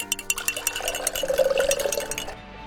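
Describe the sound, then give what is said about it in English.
Water pours steadily into a glass for a couple of seconds, splashing, its gurgling pitch rising as the glass fills, with a faint clink near the start. “Listo, prepárate una limonada para bajar el calor.”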